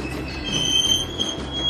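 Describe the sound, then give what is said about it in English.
A 1900s train on the Grand Canyon Railway pulls into the depot with a sustained high-pitched squeal of wheels on rails, steady over a low rumbling drone, fairly loud and continuous throughout. “Pulling into the depot.”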